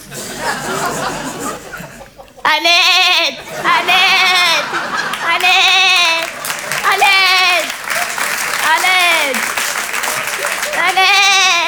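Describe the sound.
A person imitates the sheep of Eid, letting out about six drawn-out, wavering bleats in a row, loud, with a burst of crowd noise like laughter or applause underneath.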